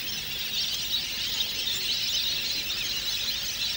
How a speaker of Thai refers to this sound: ในบรรดาเป็ดที่รวมกันอยู่ในบึงน้ำแห่งนี้เป็ดปีเขียวค่อนข้างสงบเสงี่ยมกว่าชนิดอื่นนกเป็ดน้ำที่ย้ายถิ่นเข้ามาทั้งหมดเป็ดลายมีจำนวนมากที่สุดมักพบเห็นครั้งละหลายพันตัว